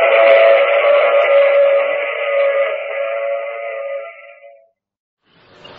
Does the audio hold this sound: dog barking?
no